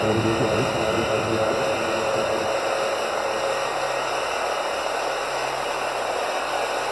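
A drone hovers, its steady high-pitched whirring drone holding constant and loud for several seconds, with a faint lower rumble beneath and no voices.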